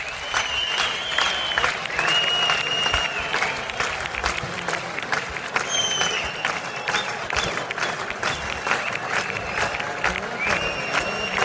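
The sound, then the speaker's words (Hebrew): A large concert audience, standing on its feet as the band members leave the stage, applauds steadily and loudly, a dense wash of clapping with no pause, mixed with cheers and high shouts or whistles rising above it now and then. “מחיאות הכפיים נמשכות”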